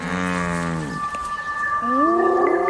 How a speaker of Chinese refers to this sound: 猎物的叫声和气味引来了斑鬣狗，但它们还没有找到猎物确切的位置。